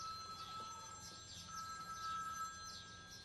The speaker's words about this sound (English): Is that someone's phone ringing? Oh, yes. I think it is. I think it's coming from your bag